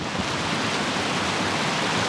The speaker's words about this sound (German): Es ist Wasser, das platschelt da oben am Kaunertaler Gletscher.